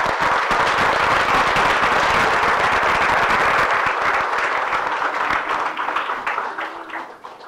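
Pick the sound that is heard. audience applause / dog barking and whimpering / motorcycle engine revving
audience applause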